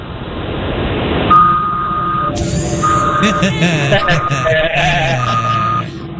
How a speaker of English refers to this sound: But I am operating heavy machinery, sir. Can you throw it in reverse so we can hear the beep, beep, beep?